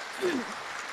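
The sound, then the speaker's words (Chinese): An audience in Jinjiang applauds warmly to encourage someone to come up and sing, a dense wash of clapping filling the whole second, with a brief voice call or shout rising over it early on. “大家用最这个热情的掌声来鼓励他一下啊！”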